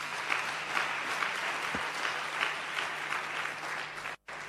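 Sustained audience applause for a deputy, a dense steady wash of many hands clapping at even loudness, ending with a brief sudden cut to silence near the end.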